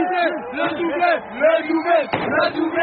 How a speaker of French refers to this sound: Entendez le chant des supporters de cette petite rue, Raymond Losserand dans le 14e arrondissement. On est comme au stade.